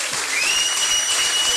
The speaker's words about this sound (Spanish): Dele palmas a Cristo.